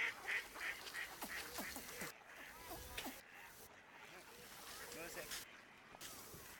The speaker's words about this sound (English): The long-distance microphone revealed a busy pond somewhere, out of sight. Birds flapping in water. A child's voice. A man talking to a child. Ducks quackling.